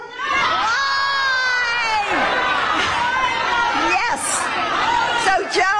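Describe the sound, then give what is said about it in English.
A large crowd of supporters shouts back an answer to a question in unison, a loud, sustained wall of overlapping voices and cheers that continues for several seconds without a break. “let me ask the crowd, what did Trump do?”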